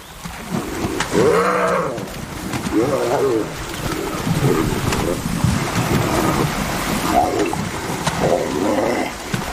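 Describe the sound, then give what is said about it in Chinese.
Male spotted hyenas fight, the winning male attacking again, in a series of loud growls, squeals and rising yelps that recur every second or two over a steady, rough rush of wind-like background noise. “取得胜利的雄性斑鬣狗再度发起进攻。”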